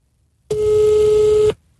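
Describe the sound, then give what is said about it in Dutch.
A single steady telephone ringing tone, a one-second electronic beep heard through a phone held against a microphone, starting and stopping abruptly against near silence, with no voices. “Zet de telefoon tegen de mic. Dan hoor je hem wat beter.”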